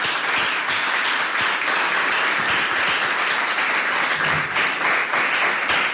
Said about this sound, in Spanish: Un aplauso.